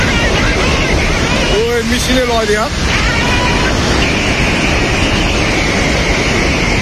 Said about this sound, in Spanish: Lo que escuchas de fondo es el agua bajando con una rapidez, bueno, agua y lodo, pero a un nivel que pasa por encima de los edificios, que arrastra autobuses, que se lleva por delante a muchísima gente, que corre cuando ve llegar esa masa de agua.